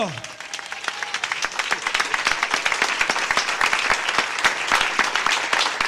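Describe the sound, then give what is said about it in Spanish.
A crowd applauds steadily, dense overlapping claps forming a continuous bright wash of sound that holds fairly even in loudness for several seconds. “¡Un aplauso para Oro!”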